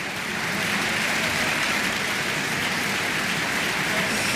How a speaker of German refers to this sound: Jetzt ist gerade noch mal das gesamte Ensemble hier auf die Bühne gekommen in der Kölner Philharmonie, nimmt den Beifall entgegen.